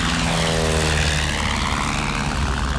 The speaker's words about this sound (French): Un mécanicien tourne l'hélice. La carlingue vibre. Le tas de ferraille roule sur la piste. Il prend de l'élan, il quitte le sol. Ça y est! Il décolle!